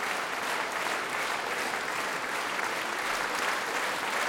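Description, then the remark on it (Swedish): Sustained standing ovation from a large concert audience after a performance conducted by Esa-Pekka Salonen with the Radio Symphony Orchestra, Orphei Drängar and soloists: a dense, steady wash of clapping at an even loudness throughout, with no voices standing out. “Och nu står publiken också upp och applåderar här.”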